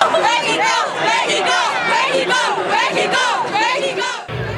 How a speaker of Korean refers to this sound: 손흥민의 나라에서 온 한국 취재진을 볼 때마다 반가워하는 멕시코 팬들이지만 다가올 맞대결을 의식한 듯 멕시코를 외치는 목소리는 점점 커지고 있습니다.